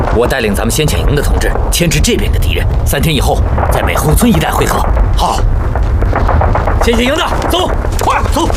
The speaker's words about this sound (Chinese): 远处传来的枪炮声，说明有人迷路了，可能在别的地方登陆。